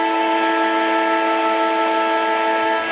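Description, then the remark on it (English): A final siren at an AFL football match between Hawthorn and GWS blares as one loud, unbroken tone with a buzzy, harmonic-rich timbre, holding steady pitch for about three seconds over a wash of crowd noise. “So Moore, siren will sound.”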